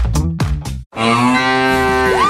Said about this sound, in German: Finde eine der letzten beiden muhenden Müllermilchflaschen und gewinne 50.000 €